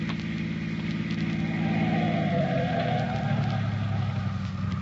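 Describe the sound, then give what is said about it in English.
A car engine hums steadily as the car comes down a highway, then its pitch drops as the vehicle slows and comes to a halt, idling low at the end. No one speaks. “Unless this car that's coming down the highway stops.”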